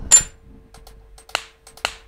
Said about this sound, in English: It's a little bubble wrap website. What do you mean? So you can like just pop bubble wrap while you're doing work. It like keeps me focused.